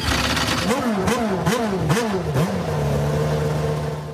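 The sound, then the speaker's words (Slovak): A formula racing car engine revs loudly in four or five quick, rising bursts, then settles into a steady, sustained drone. “Ľudia nás niekedy nazývajú formuly. Sme pretekárske autá.”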